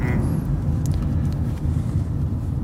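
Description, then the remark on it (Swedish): Steady low engine and road rumble fills the cabin of a moving car, a constant hum with faint higher hiss and no voices. “Ja, vi sitter här i bilen i Crash eller Konsensus och diskuterar utmattningssyndrom.”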